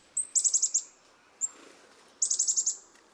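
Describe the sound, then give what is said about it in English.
Chickadee calls ring out clear: a thin opening note followed by a quick run of about five high, buzzy notes, then the whole phrase repeats after a brief pause. “When a whole flock of chickadees moves into your yard, it looks as if they form a living conveyor belt.”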